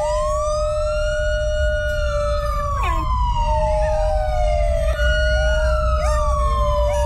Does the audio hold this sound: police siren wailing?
yes